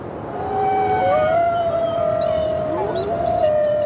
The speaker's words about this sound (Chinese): 向上传播的那部分声波，在到达高处较暖的空气层后，会被折射回近地面，从而延长了狼的叫声的传播距离。因此，狼群成员在10公里之外都能听到同伴的叫声。这声嚎叫是在召集狼群，准备狩猎。